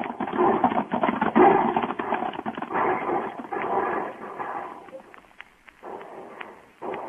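Several horses with riders gallop past, charging straight for the wagons, in a dense, rapid drumming of hoofbeats, loud at first, then thinning into scattered clip-clops toward the end.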